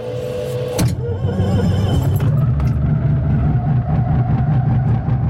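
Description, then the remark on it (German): The engine of a small two-seater aircraft is started and coughs to life with a sharp burst, then settles into a steady, loud, throbbing idle with a low rumble and a faint rhythmic pulse. “Dann zwänge ich mich ins enge Cockpit vom Zweiplätzer, ich vorne den Peter Schmid hin, wir machen die Tube zu und starten den Motor.”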